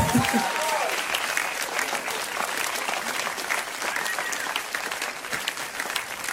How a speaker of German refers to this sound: Klatsch mal so ein bisschen. Tut so, als ob es gerade geil war.